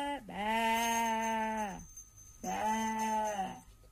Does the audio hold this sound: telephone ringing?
no